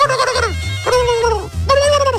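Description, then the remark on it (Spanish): Turkeys in a farm corral, about 1,000 or more being raised for December banquets, gobble loudly in three quick, warbling bursts that each trail downward in pitch, with a steady low rumble of farm background underneath and no talking. “Ya están con los pavos, la raza ahí de la agencia Roy, nomás oye así.”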